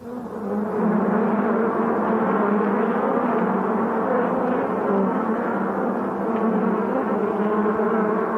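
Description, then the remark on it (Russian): A dense, steady drone of flies buzzing, many insects humming together without pause, loud and continuous throughout with slight wavering in pitch and no voices. “Жадные мухи вгрызаются в тело страдальца.”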